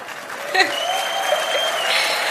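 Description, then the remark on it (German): A stadium crowd of 46,546 people in the Immerwieder Sonntagsarena applauds steadily for a 100th birthday, a dense wash of clapping that holds at a fairly loud level throughout, with a brief whistle-like tone sliding through near the start. “Geburtstag und das ist euer Applaus.”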